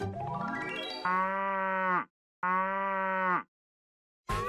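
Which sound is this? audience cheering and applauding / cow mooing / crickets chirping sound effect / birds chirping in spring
cow mooing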